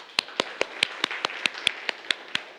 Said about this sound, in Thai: ก็ปรบมือให้กับตัวเองนะครับนักเรียน